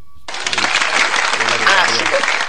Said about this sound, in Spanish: Un aplauso. Aplausos, por favor.